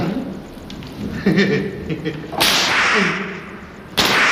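Two loud, sharp cracks of a water-soaked whip land about a second and a half apart, each snapping out and trailing off quickly, with faint murmuring voices in the background before the first strike.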